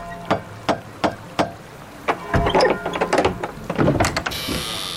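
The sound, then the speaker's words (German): A door knocker strikes five times on the door of a house in a steady, evenly spaced rhythm, followed by a burst of rattling, clattering mechanical sounds and a soft hiss at the end. “Eine Klingel gibt es nicht. Wir sind in der Vergangenheit. Da gibt es nur Türklopfer.”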